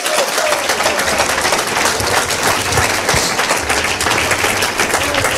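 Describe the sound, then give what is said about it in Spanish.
A crowd claps together as an offering of applause to the Lord, in a dense, steady wash of applause, loud and sustained throughout with no single claps standing out and no voices above it. “Que le ofrenda de palmas al Señor en esta hora.”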